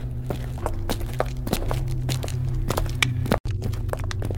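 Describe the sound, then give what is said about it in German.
Steady footsteps of a person walking ahead with long strides along a corridor with a hard floor, at a brisk, regular pace, with a low hum underneath and a brief dropout near the end. “Herb ging mit großen Schritten voraus, öffnete jede Tür”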